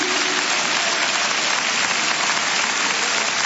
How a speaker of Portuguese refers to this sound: Você pode aplaudir o nosso Senhor Jesus Cristo?